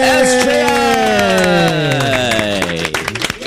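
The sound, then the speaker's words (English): Audience applause for guests from St. Joseph's Institution on the KISS 92 radio show, a steady patter of claps running through the whole clip beneath a loud tone that slides smoothly downward in pitch, with the claps thinning out at the end. “Everybody, a big round of applause for our friends from St. Joseph's Institution.”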